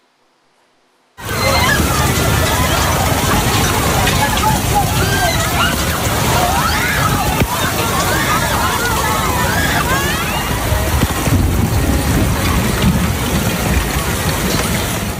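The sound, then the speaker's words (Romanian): After a moment of silence, a huge concert crowd of about 80,000 spectators in Milan, Italy, erupts in panicked overlapping screams and shouts as a hailstorm hits, over a constant, dense roar of pounding hail and rain, loud and unbroken to the end. “panică totală la un concert cu 80.000 de spectatori din Milano după ce orașul italian a fost lovit de grindină.”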